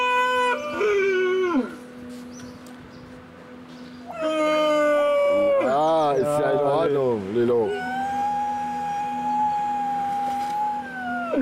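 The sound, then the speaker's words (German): Loud, drawn-out wailing cries from seal pups, three long calls with wavering, sliding pitch, the middle one trembling up and down, without any talking. “Die Heuler werden Robben. Ja. Die Robbenbabys.”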